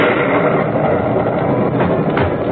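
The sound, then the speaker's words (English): A loud clap of thunder during a storm at about midnight, heard from inside a trailer parked beside a tiny, dark railroad station, rolls as a dense, sustained rumble, holding steady for a couple of seconds with no break and no voices. “But about midnight, a terrific clap of thunder woke me up.”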